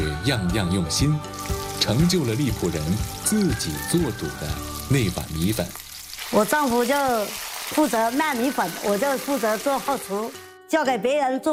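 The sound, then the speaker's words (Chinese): Skin-on pork belly deep-frying in hot oil at a rice noodle shop, slow-fried at low temperature so the skin puffs, giving off a steady, crackling sizzle that runs continuously beneath a voice speaking almost throughout, with a short break in the talk near the end. “低温慢炸，让猪皮鼓起酥泡，复入热油一激，色泽金黄，皮脆肉嫩，肥而不腻。”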